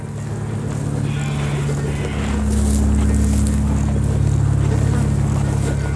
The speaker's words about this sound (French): L'hélicoptère de la télé tourne encore.